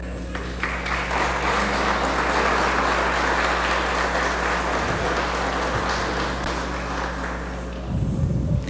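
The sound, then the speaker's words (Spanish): Steady, dense audience applause welcoming new members of a Citizens' Council in Nayarit at a ceremony handing over their appointments, lasting several seconds without a break: many hands clapping at once and blending into a continuous crackling roar. No one speaks over it. “Bien, pues con un fuerte aplauso le damos la bienvenida en este nuevo proyecto”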